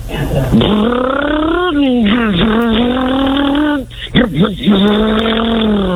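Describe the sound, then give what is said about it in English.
A voice imitates a getaway car revving and peeling away from a bank with squealing tires: a loud, continuous, rising and falling whine for about six seconds, with a brief dip before a final wavering burst. “It's a getaway car peeling away from the bank.”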